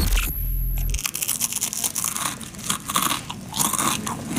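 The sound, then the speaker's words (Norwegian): Loud, dry crunching of crispbread being bitten and chewed, a rapid irregular series of brittle cracks and crackles with no voices. “Er kollegaen din litt for glad i knekkebrød?”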